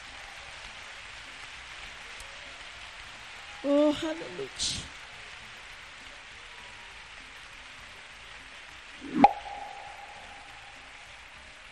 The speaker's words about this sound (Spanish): Si ese aplauso es para mi Dios, de lo más fuerte.